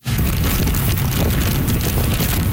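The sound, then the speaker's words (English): A steady, loud roar of Super Typhoon Bavi's wind buffeting the microphone in Keelung on Taiwan's northern tip, winds of 144 kilometers an hour gusting to nearly 200, with a dense wash of heavy driving rain, continuous and unbroken throughout with no voices. “That's how the storm sounded in Keelung on the northern tip of the island. Heavy rain along with wicked winds of 144 kilometers an hour, gusting to nearly 200.”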